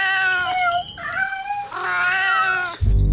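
A cat meows in long, drawn-out wails, three or four stretched cries close together, loud, ending with a sudden burst of noise.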